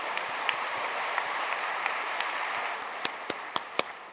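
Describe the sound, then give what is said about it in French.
A crowd applauds the mothers-in-law present in the audience in a steady, dense wash of clapping at moderate volume, with a few sharper individual claps standing out toward the end. No one speaks over it. “Regardez, applaudissez les belles-mères.”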